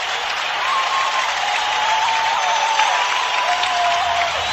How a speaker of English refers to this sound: and it's going to be a goal. Red Wings have tied it. Listen to this crowd.